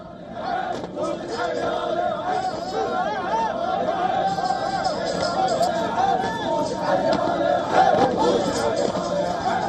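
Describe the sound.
A dense crowd of thousands murmurs and chatters continuously around Khamenei's funeral procession in Karbala. The crowd lines the streets and packs the Imam Hussein shrine as the casket moves slowly under heavy security. Many overlapping voices form a loud, steady hubbub, with occasional raised shouts rising above the din.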